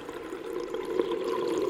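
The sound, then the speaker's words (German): A steady, muffled underwater wash with a low, rolling gurgle of water, continuous, with no voices. “Die Kinder erinnerten sich später an nichts mehr, denn sie wachten auf unter Wasser.”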